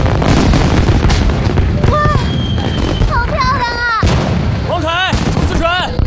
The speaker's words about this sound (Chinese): 桥上看烟花， 这里是最佳视角哦。